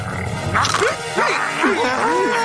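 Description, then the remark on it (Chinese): An angry dog snarls and barks, with four or five harsh, rising-and-falling yelps in a quick, agitated run over a steady low rumble. “哦，别生气了，狗狗。”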